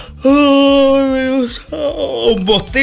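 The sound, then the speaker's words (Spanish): A loud, drawn-out yawn with a long steady voiced stretch that breaks into a sighing, falling exhale at the end. No one speaks. “un bostezo, ¿qué te dice? Que tienes sueño, claro.”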